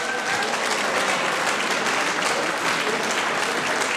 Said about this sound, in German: Das ist euer Applaus. Gratulation.